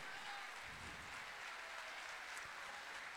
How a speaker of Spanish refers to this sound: Un aplauso grande, de verdad, que se escuche el cariño.